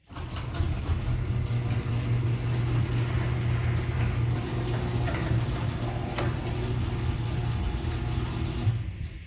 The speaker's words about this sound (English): So it sounds great. The garage door opener is, or the garage door is working so much smoother now. You still hear the opener there,